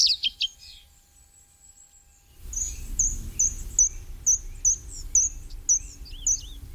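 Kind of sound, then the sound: bird, common redstart song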